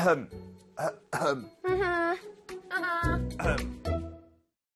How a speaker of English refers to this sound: Huh? I was just clearing my throat.